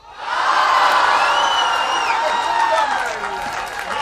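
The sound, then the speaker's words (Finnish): A large crowd of about 9,000 people cheers loudly outdoors at a medal celebration on the central square (Keskustori), a dense sustained roar of many voices with whoops and shouts rising above it, staying strong before easing slightly toward the end. “Mutta nyt palaamme keskustorille mitalijuhlan tunnelmaan.”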